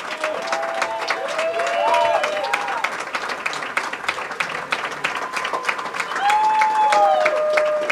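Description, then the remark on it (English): A large concert audience applauds conductor Gustavo steadily and loudly throughout, dense clapping filling the space, with a few rising whoops and whistles cutting through near the start and end. “And we invite you at home. Clap along. We can hear you.”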